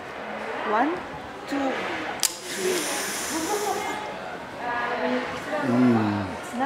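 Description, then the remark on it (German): A strong, drawn-out sniff hisses sharply for over a second through a chocolate-powder snorting machine, a creation invented for the Rolling Stones, taken on the count of three, with voices talking before and after it and some laughter following. “Ich sage 1, 2, 3 und bei 3 schniefen Sie ganz stark.”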